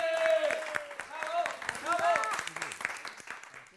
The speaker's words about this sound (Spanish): ¡Un aplauso para ellos!